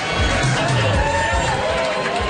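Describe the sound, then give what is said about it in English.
A loud, packed crowd, aged from 19 to pensioners, partying in the basement of Triangle's Nightclub, Moncton's first gay bar, on its last night, with dense overlapping voices and shouts blending into a continuous roar over a low, booming bass. “The crowd is a mix from 19 years old to pensioners, and they're loud, hot, and here to party.”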